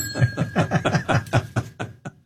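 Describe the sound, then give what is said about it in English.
A small bell, called the friendship bell, rung rapidly: about a dozen quick, evenly spaced strikes with a steady ringing tone, fairly loud, then tapering off at the end. No one speaks. “This is called the friendship bell yes.”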